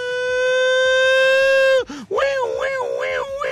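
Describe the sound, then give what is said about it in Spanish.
A seismic alarm siren sounds a loud, steady, buzzy tone, cuts out briefly, then returns warbling rapidly up and down in pitch. “Alarma sísmica.”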